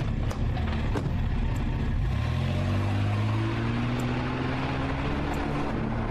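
A car engine idles with a low rumble, then revs up steadily as the vehicle pulls away, its pitch climbing and staying loud and close throughout, with no voices.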